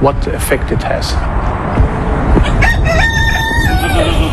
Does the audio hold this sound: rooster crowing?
yes